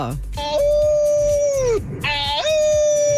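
Two long, loud wolf howls, the first holding a steady pitch before sliding down and fading, the second rising sharply and then sustaining a clear, ringing tone.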